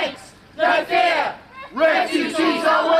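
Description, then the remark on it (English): A loud crowd of protesters marching towards a facility housing unaccompanied minors and asylum seekers in a town shouts and chants in two surging bursts, many voices overlapping with a brief lull between them. “They're a loud crowd, but it's clear there are more noise than numbers.”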